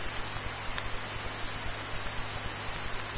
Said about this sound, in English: I can barely pull you out over the white noise.